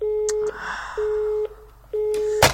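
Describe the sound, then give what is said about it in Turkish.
A telephone busy signal on an unanswered call repeats three times, a steady mid-pitched tone pulsing on and off in even half-second beats, clear, ending with a sharp click. “Allah aşkına telefonunu bir kez al ya.”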